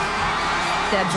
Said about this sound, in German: Ich liebe doch so Live-Konzerte einfach. Wenn alle zusammen singen, Spaß haben, gute Laune, sich freuen. Oh mein Gott, ich habe wirklich Gänsehaut jetzt mal, ohne Scheiß. Hören wir doch in noch eins rein. Wie sie kreischen